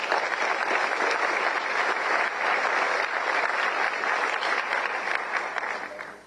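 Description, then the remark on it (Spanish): Sustained audience applause, a dense steady wash of many hands clapping at an even, loud level throughout, tapering slightly at the very end, with no voices over it. “Y a ellos dos un aplauso, por favor.”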